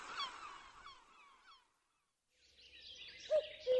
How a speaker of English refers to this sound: Down by the sea, I heard a bird. Mew, mew. I said to the seaside bird I heard, and who are you? I am a gull, a seaside gull. How do you do, mew? Mew, mew.